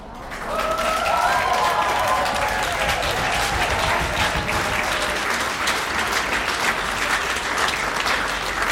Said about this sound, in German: Ein wunderschöner Applaus hat es da gegeben. Auf dem Petersplatz in Basel sind wir am eidgenössischen Jodlerfest.